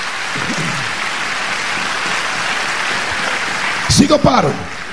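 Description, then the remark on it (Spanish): An audience gives a round of applause to God, clapping in a steady, dense wash of applause lasting throughout, with a voice briefly rising over it near the end. “Vamos, vamos, denle un aplauso a Dios.”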